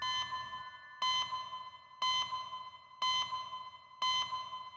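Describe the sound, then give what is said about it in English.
The red phone in the emergency department at St George's rings electronically in a steady repeating pattern, a bright burst about once per second over a sustained high-pitched tone, five pulses in all with no voices. “Clouds cast a shadow over St George's, then the red phone rings.”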